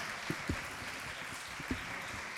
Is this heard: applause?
yes